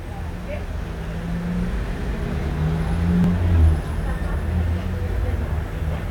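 Steady, dense street traffic on Boulevard Saint-Germain: motorcycles, vans, an orange deux chevaux, a taxi and a number 63 bus rumbling past, with a low continuous engine roar that swells briefly as a heavier vehicle goes by, then settles back.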